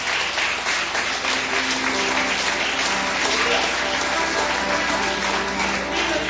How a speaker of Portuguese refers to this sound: Palmas que louve ao Senhor.